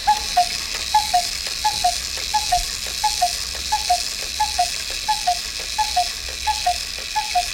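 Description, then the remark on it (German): A cuckoo clock calls over and over, each call a pair of falling two-tone notes at a steady pace, roughly a dozen in a row, with faint mechanical ticking underneath. “So klingt der Kuckucksuhr.”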